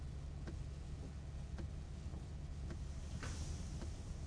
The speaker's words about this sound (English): Who can relax in this mess of traffic? There must be a wreck or something up ahead.